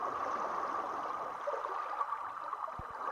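Steady flowing water of the Spree River in Berlin around Insula, a floating arts platform, with a continuous rushing, lapping texture, even in level, and a couple of brief low thumps near the end. No voices.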